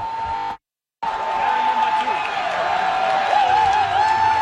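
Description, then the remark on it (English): Thousands of fans at FIFA Fan Fest roar and cheer after Canada scores a World Cup goal, in a dense, steady wall of voices, with a sustained high tone running through it and a brief dropout to silence near the start. “And the cheering hasn't really stopped since then.”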